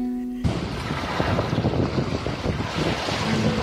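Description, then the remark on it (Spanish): Steady wind roars and buffets the microphone over the wash of surf at Playa El Yaque, Venezuela, a beach with constant winds and a shallow sea, loud and continuous, after a brief tonal sound in the first half second. “Playa El Yaque, con sus constantes vientos y mar poco profundo, es una playa mundialmente conocida para la práctica del windsurf y el kitesurf, categorizada como una de las mejores playas del mundo.”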